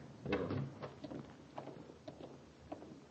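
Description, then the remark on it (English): A door is unlocked and opened: a scattering of soft metallic clicks and clunks over about three seconds, with one firmer knock early on, all fairly quiet and with no voices. “Unlock the door and get Vosper.”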